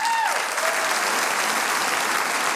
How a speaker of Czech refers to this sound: To je radost. Dámy a pánové, já doufám, že takový potlesk sklidí i muž, který právě teď přichází.